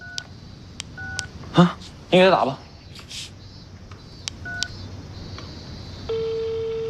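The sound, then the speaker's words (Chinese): A handful of sparse mobile phone keypad beeps are tapped out to place a call, broken by a brief burst of voice, then a steady ringback tone starts and hums on to the end. “用你手机打一个，你给我电话，不能，我给找来， 啊， 你给他打吧， 通了”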